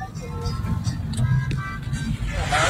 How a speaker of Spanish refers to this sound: Motos, ciclas, motos. O sea, carros aquí, vea. Mire. Sobre los separadores. No puede ser. Carros encima de los separadores.